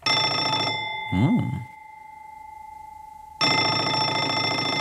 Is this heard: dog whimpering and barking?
no